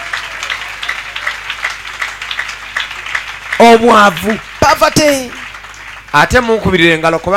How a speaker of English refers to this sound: Clap for him, please, because of me. Clap your hands.